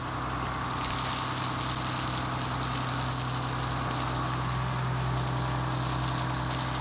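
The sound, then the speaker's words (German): Artificial rain from a rain machine on a TV film set pours down onto cars in a dense, steady, loud hiss, with a constant low mechanical hum running underneath throughout. “So, werte Kollegen, der Regen wird gestartet.”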